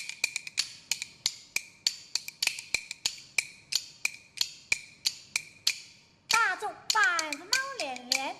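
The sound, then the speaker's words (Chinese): Bamboo kuaiban clappers, played for the live audience, clack in a brisk, steady rhythm, about three sharp wooden clicks per second, for six seconds; then a child's voice starts chanting rhythmically as the clacking continues underneath. “你能不能边打边让一团快板来分现场的观众听啊？”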